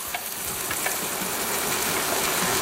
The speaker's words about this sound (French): On va essayer de garder ce bruit, voir si on s'endort avec un bruit de cuisson.